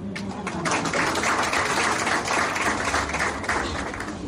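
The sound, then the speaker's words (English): A crowd of beauty and wellness industry players applauds the launch of a paramedical trichology program, a dense wash of overlapping handclaps that holds at an even, fairly loud level for about four seconds with no speech over it. “I think the industry players will clap for.”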